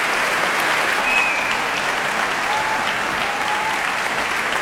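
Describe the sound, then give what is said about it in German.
Sustained, dense applause from a large audience in the Düsseldorf Tonhalle concert hall for the trumpeter winning the audience prize of the 2026 Aeolus wind competition, steady and loud throughout with no pauses, a few faint whistles or tones rising briefly above the clapping. “Ja, großer Applaus für den Publikumspreisträger.”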